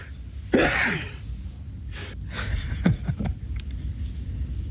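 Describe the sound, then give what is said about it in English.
A person sneezes four times: a forceful first sneeze, then three more in quicker succession about a second later, over a low steady rumble. “That's a quadruple that sneeze there, Father.”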